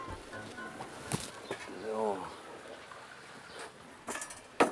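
A single penguin splashes and flaps its wings while bathing in a freshly cleaned pool in a penguin enclosure, with a few sharp wet bursts of flapping spread apart and a short honking bird call in between.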